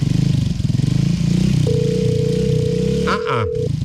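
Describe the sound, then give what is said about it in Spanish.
A motorcycle, ready and waiting, idles loudly with a steady, pulsing rumble; a sustained electronic tone sounds over it midway, and the engine briefly revs near the end. “No, pero la moto lista esperándolo.”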